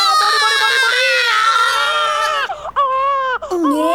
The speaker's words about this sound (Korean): 응애 태어났다. 응애 예. 아들일 줄 알았어.